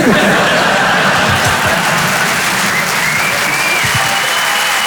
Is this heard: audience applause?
yes